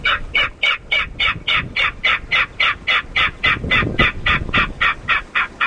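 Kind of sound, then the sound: bird, king Rail call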